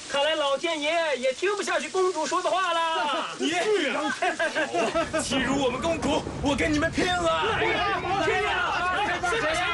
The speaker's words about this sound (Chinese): 下雨了， 快看，下雨了。